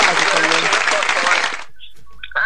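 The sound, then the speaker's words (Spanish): A loud burst of dense applause for a listener, Augusto Canto, lasts about a second and a half, then cuts off abruptly, leaving a quiet gap with a few faint short tones. “Aplausos también para él.”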